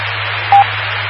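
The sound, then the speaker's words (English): A single short, steady electronic roger beep at the end of a radio transmission sounds over a constant bed of radio hiss and a low hum, lasting about a tenth of a second before the static continues alone. “I'll have to try and get rid of that Roger tone then.”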